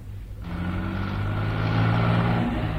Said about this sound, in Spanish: Un auto se aleja.